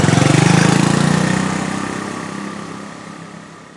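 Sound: motorcycle engine running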